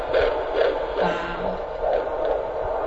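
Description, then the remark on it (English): A fetal heartbeat on a doppler monitor during a midwife's prenatal checkup of a patient almost halfway through pregnancy: fast, steady whooshing pulses repeating about twice a second over a constant hiss, with no voices. “She listens to her baby's heartbeat.”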